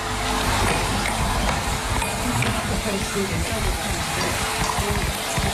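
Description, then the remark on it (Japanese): Coarse bath salt and dried rosemary and lavender being stirred and shaken inside a glass jar while making bath salt in a lab, a steady, dense gritty rustle and hiss with faint clinks, continuous and fairly loud with no talking. “いや、様子をねお聞きいただいたんですけど、ラボの中にあるローズマリーとラベンダーを使ってバスソルト作りを行いました。”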